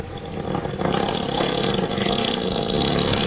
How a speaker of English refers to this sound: It's either someone taking a dump or a cougar. Elephant fart. Oh, yeah. A 7-second elephant fart. I don't know what the average length is. They average around 7 seconds, too.